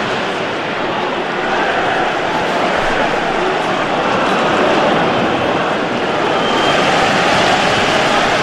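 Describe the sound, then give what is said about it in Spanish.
The home crowd at a Fulham versus Crystal Palace football match boos the visiting team, Crystal Palace, in a loud, unbroken roar that holds steady for the whole stretch, swelling slightly toward the end, with no clear voices standing out. “Escuchen ustedes el abucheo, ¿eh? Por parte respetable.”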